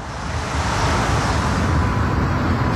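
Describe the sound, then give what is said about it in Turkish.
A steady, dense roar of city traffic fills Kızılay Square in central Ankara, Turkey, a continuous wash of engines and tires with no distinct horns or voices standing out. “Biz şu anda Ankara'nın kalbindeyiz. Kızılay Meydanı'ndayız.”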